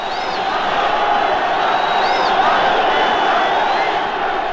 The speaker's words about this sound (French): Je me trouve au milieu d'une foule de moins de 20 ans dont vous entendez les cris et les trépignements.